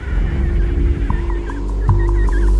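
An emperor penguin chick calls to be reunited with its parents in a string of short, high, warbling whistles, repeating rapidly over a steady low wind-like rumble, with no one speaking.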